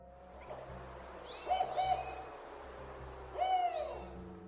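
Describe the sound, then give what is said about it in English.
A northern spotted owl hoots: a pair of quick rising hoots, then a single hoot after a pause, clear over a low steady background hum. “Until the Northern Spotted Owls attack.”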